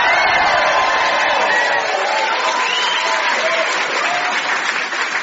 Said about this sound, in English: To help me investigate patience, please welcome, first of all, with applause and a little bit of screaming like you do with rock stars, our musician ….